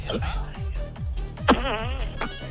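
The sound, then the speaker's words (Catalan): A voice imitates a fart with a series of low, buzzing raspberry bursts, fairly loud, followed by a wavering squeaky blow that trails off. “Molt bé, aquest pet.”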